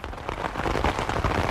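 A heavy rain shower pours down steadily, a dense, hissing wash of drops drumming without pause. No voices or other sounds break through.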